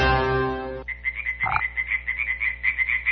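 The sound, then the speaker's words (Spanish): A little frog croaks in a quick, steady train of short, high-pitched chirping pulses that follows a brief sustained musical tone at the start. No one speaks. “¡Mira, te tiene una ranita!”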